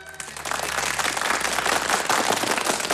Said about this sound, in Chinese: 柳亚子一鼓动，全场马上掌声雷动。